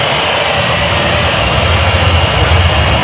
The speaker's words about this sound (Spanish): El momento, escuchen, escuchen la silbatina del público.